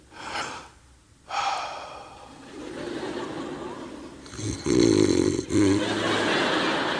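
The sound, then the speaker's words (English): A person imitates a female dog snoring with a series of breathy snorts and raspy inhales, growing louder and rougher toward the end, with no words spoken. “The dog snores, okay?”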